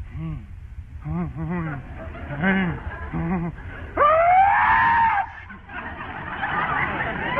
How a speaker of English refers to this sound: But if you sneeze like this... well, it clearly indicates the symptoms of a general rhinitis condition. And if you sneeze like this...